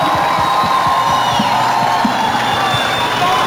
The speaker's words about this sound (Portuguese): Aplausos para os meus convidados, por favor.